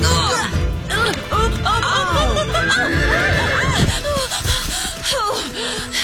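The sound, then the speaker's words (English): A not very big male pony whinnies loudly, its shrill, wavering neighs rising and falling several times over a few seconds, with snorting and breathy noises in between. “you can take Mr. Webster's pony”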